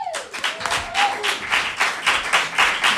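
An audience applauds steadily, many hands clapping in a dense, continuous patter that stays fairly loud throughout, with no one speaking over it.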